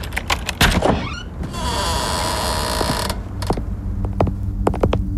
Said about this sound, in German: Mach einfach die Tür auf.